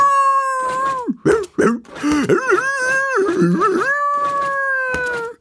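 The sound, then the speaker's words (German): A dog howls wildly and continuously, its voice wavering and yelping through sliding, warbling pitches for several seconds, loud with no talking. “Er reißt die Augen auf, schielt und beginnt dann wild zu jaulen.”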